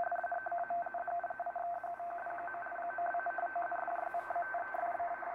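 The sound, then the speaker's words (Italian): A steady two-tone digital radio signal received in sideband mode, its two pitches (bit 0 and bit 1) flickering in rapid alternation with a buzzy, garbled texture, fairly loud and continuous throughout with no voices. “Ora, questo è un segnale strano, è composto da due toni e la nostra esperienza ci fa pensare subito a qualcosa di digitale, bit 0 e bit 1, e effettivamente è così.”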